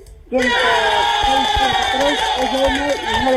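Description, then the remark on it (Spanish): A crowd on a radio show bursts into loud, sustained shouting after a brief moment of quiet, many voices yelling and cheering together in a dense, unbroken roar that holds steady to the end. “¿Y el grito? ¿El gritito? Ahí está, muy bien.”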